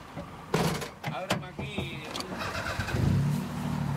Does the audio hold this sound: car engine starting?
yes